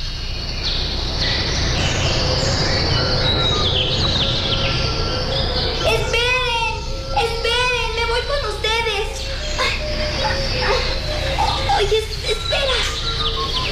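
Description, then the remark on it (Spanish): A flock of blue birds passes close by in flight, a steady rushing whoosh of wings throughout, with a burst of loud, rapid chirping calls in the middle before the noise carries on. “Es maravilloso el vuelo de estos pájaros azules. Si yo fuera pájaro, me iría con ellos. ¡Ya están cerca!”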